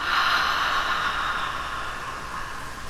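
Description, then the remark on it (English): A slow, steady breath in through the nose and out through the mouth, with a soft airy hiss that holds for about three seconds and fades slightly toward the end. No one speaks. “Take one slow breath in through your nose and out through your mouth.”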